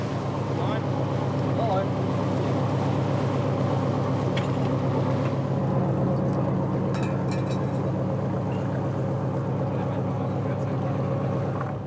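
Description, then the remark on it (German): A water police boat's engine drones steadily as it heads to a shrimp fishing cutter from Husum for a routine fisheries inspection, its low hum constant for the whole stretch, with wind and water noise over it and faint talk in the background. “Wir führen eine ganz normale fischereirechtliche Kontrolle durch und werden jetzt zu diesem Kutter fahren.”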